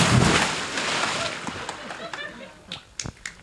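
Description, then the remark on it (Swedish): A person jumps into 23-degree water with a loud, rushing splash that fades over about a second, followed by scattered small splashes and drips. “Men du får hålla i micken så hoppar jag i här nu då.”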